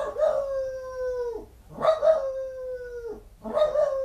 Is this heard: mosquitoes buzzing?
no